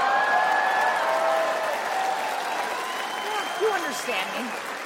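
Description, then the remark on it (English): An audience claps steadily for several seconds, a dense, fairly loud patter that gradually tapers off, with a few indistinct voices rising briefly near the end. “Look at the gay guys, they're like, we're clapping, but we have no idea what football is.”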